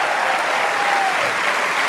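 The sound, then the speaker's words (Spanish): Steady, dense applause from a crowd, a continuous wash of many hands clapping at an even loudness, with a faint tonal whistle or cheer briefly rising through it midway. “Si ese aplauso es para el que te da vida eterna.”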